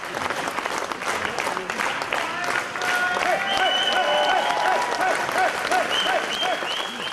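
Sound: crowd cheering and applauding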